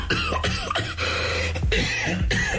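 Several sharp, harsh coughs burst out at uneven intervals, loud and close, over a steady background of music that continues underneath.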